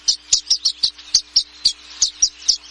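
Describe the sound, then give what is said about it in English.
A rapid series of bright, high chirps from violet-green swallows gathering after nesting season, about a dozen short calls in quick, slightly uneven rhythm, clear with no talking. “Once nesting season ends, these violet-green swallows seem to know it's time to party.”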